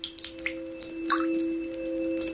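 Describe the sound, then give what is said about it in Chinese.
A faucet left dripping drips steadily, each drop landing as a clear plink at an irregular pace, with a faint steady electronic hum beneath and no voices. “一直在滴答的水龙头”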